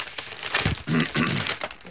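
Newspaper pages are leafed through hurriedly, producing several quick, crisp rustles and crinkles in a row across two seconds, moderately loud, with a brief low throaty sound mixed in midway.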